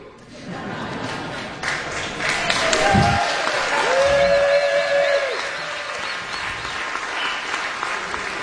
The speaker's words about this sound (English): Thank you for being there with us. Yes, give yourselves a round of applause. You very much deserve it.